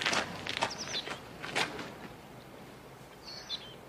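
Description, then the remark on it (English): A handful of footsteps crunch along at an uneven pace as a man gets out of a car and walks away, punching the air, then stop and fade as the walker moves off, leaving faint outdoor ambience and a brief bird chirp. “He punches the air as he walks away.”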